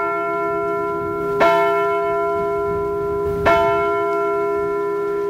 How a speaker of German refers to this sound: Die Glocken haben den Tag begleitet und mit der Anzahl ihrer Schläge die Zeit angesagt. Zum Beispiel, es ist 3 Uhr nachmittags.